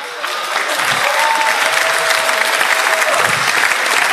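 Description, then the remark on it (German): Steady, dense audience applause, called for after asking who represents German (Germany, Austria and Switzerland), fills the whole clip, a loud continuous wash of many hands clapping at once with no voices rising above it. “Gibt es jemanden? Applaus!”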